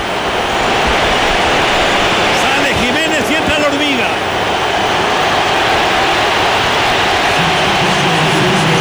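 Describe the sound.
A huge stadium crowd gives an ovation during a Mexico national team substitution, as Raúl Alonso Jiménez goes off and Armando 'La Hormiga' González comes on, in a steady, dense wall of cheering and applause that never lets up, with a man's voice briefly speaking over it partway through.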